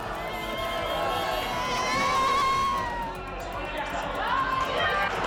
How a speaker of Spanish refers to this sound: Y esto ocurría en las calles de España, se desataba la locura, miles de personas siguieron el encuentro en pantallas gigantes y tras la victoria, la fiesta que para muchos ha durado toda la noche.